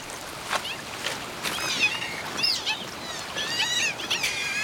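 A European otter gives a series of high, creaky, meow-like squeals in short repeated bursts at night beside a flooding river in the Normandy countryside, France, over a steady hiss of hours-long rain and flowing water.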